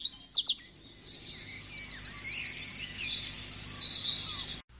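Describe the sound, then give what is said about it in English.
A vireo, a small migratory songbird, sings a continuous, rapid warbling phrase of high, thin notes after a few brief opening chirps, with no voices present. “Its winter home is in South America, and each spring it flies hundreds of miles to the eastern U.S. to pass most of its time, small and alone and seldom seen, in the leafy tops of trees, singing nonstop throughout the dog days of summer.”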